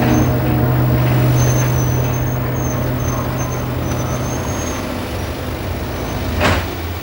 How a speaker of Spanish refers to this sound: Mete el coche en el garaje de la casa.